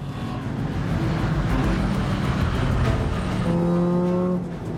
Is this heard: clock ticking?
no